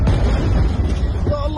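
A loud, continuous low rumble of an explosion at night in the centre of Gaza City rolls through the whole moment, thick with deep booming energy and a crackling wash above, with a faint voice surfacing near the end.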